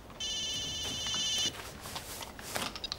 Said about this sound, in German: Typisch. Immer wenn's brenzlig für ihn wird, dann klingelt's Telefon.